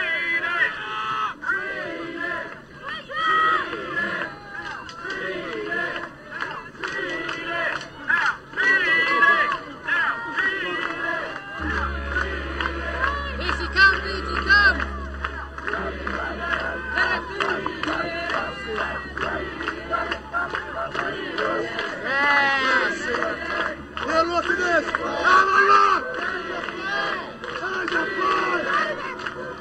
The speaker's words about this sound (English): Yeah, we're the Queen's just about to arrive here, and everyone's yelling out treaty.